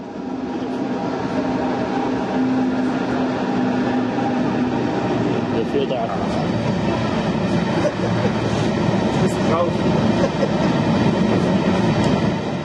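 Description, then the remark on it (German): A heavy iron ore freight train rolls past at steady volume for the whole stretch, a dense continuous rumble with grinding metallic hum and faint clattering of wheels over the rails. “Die Versuche, rollende Erzzüge aufzunehmen, scheiterten immer an einem Detail.”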